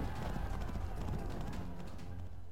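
Horses' hooves gallop in a rapid, steady rhythm, fairly loud, over a dense low rumble that carries through the whole short stretch.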